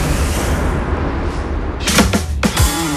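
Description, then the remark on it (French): Four sharp knocks on a door in a quick, slightly uneven burst, loud and hollow, heard over a steady background hiss with no one speaking. “Passez une agréable journée, il est midi 5, qui toque à la porte?”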